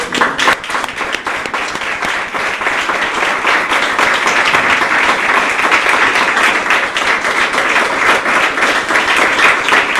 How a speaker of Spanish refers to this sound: Damos un aplauso al Señor.